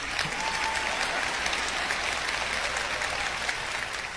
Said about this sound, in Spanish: Si va a aplaudir, hágalo bien.